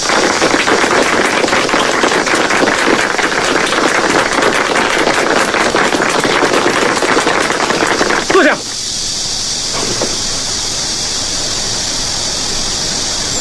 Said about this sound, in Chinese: 下面呢，我们就以热烈的掌声欢迎二战区长官给大家训话。